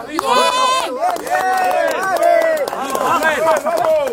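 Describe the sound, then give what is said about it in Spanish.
Chaotic commotion at a rescue scene in Venezuela after a double earthquake: many voices shout and call over one another in a loud, continuous jumble, with sharp bursts of higher-pitched yelling throughout. “Es el sonido de los rescates.”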